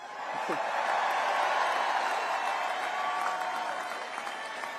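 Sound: fans cheering and applauding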